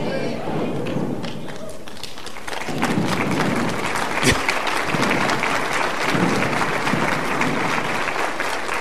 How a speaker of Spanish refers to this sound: Hay unos que ni ganas para aplaudir tienen. Todavía traen aire de Garibaldi.